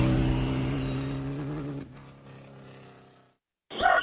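An Avatar 200 LX motorcycle engine revs loud with a deep, throaty growl that fades and drops off, followed by a brief silence and a short sharp burst of noise, in an advertisement for Motos Freedom in El Salvador.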